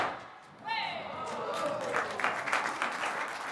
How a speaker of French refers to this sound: C'est un truc qui fait beaucoup de bruit, c'est pour ça qu'on l'appelle comme ça, évidemment. Donc, puis-je entendre les pétards?